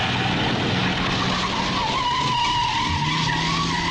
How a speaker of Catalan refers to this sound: Atracaments amb arma blanca, cotxes robats i fugides de la policia a tota velocitat.